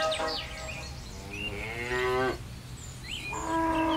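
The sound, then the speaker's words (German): Cows moo on farmer Jan Brauer's dairy farm in Dasko near Ribnitz-Damgarten, where their milk is made into cheese: one long, loud, drawn-out moo, then a second, over a steady low rumble of background noise with faint high chirps. “Dort macht Landwirt Jan Brauer aus der Milch seiner Kühe exquisiten Käse.”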